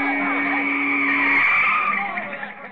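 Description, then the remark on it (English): A car skids on a field in one long, loud screech lasting a few seconds, a shrill, wavering squeal over a rough rushing roar that eases off toward the end. “Get that car out of here, will you? Get off the field, you bonehead.”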